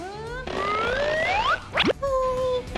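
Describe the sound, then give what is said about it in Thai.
A small plastic toy fly springs and bounces out of a frog tabletop game, where the fly is tossed into the frog's mouth. Twangy, rising boing tones, a quick sharp flick near the end, then a brief steady ring, fairly loud. “อีกนิดเดียว มันกระเด้งออกมา”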